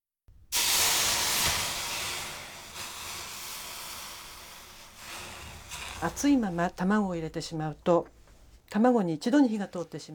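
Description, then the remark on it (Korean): A hot pot, heated with a teaspoon of cooking oil and then taken off the heat, is set on a water-soaked dish towel to cool it. It hisses sharply in a loud burst of steamy sizzle that slowly fades over several seconds before a person starts talking. “물에 적신 행주 위에 냄비를 올려놓습니다.”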